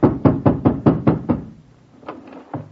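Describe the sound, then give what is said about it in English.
Loud, rapid hammering on a landlady's door on a snowy night: about seven heavy knocks in a fast, even burst, then a pause and a couple of weaker, scattered thumps. No voices. “I hammered on my landlady's door and...”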